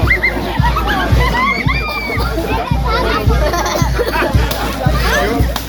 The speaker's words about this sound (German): Jetzt mit einem Stofffetzen schlägt er in das Wasser und macht jetzt die Krabbe nass.